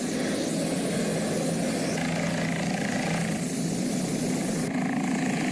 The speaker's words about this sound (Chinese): 我刚刚坐了直升机，呜，飞上天的直升机。